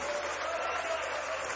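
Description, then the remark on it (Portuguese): An audience at a Portuguese-language church service applauds for the Lord in a steady, dense wash of clapping that holds at an even level throughout, with no clear breaks and a faint murmur of voices mixed in. “Mais forte aplausos para o Senhor.”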